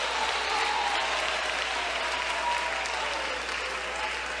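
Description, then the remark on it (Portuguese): A church audience claps their hands to glorify Jesus in a steady, continuous wash of applause, loud and even throughout with no pauses, a dense crackle of many hands at once. “Desocupem as suas mãos, batam palmas e glorifiquem a Jesus.”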